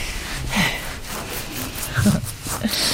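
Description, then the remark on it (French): A pig grunts softly and contentedly in a few low, snorting bursts spaced over a few seconds while its belly is being rubbed, with faint rubbing and breathy noise between the grunts. “Et ça ronfle et ça confirme.”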